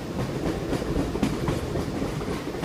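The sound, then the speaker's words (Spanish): The Tren Patagónico rolls along railway tracks through Pilcanillau with a steady, heavy low rumble and faint rhythmic clacks of wheels over rail joints, continuous throughout with no voices. “Hoy el tren patagónico continúa incluyendo a Pilcanillau dentro de sus recorridos, conectando la costa, la estepa y la cordillera.”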